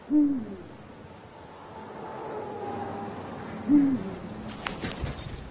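eagle owl hooting

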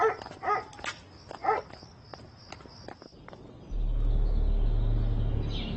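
dog barking

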